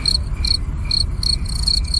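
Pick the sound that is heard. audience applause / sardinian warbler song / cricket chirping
cricket chirping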